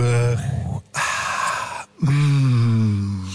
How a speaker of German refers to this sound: Aber ich glaube, jetzt atmen wir mal alle tief.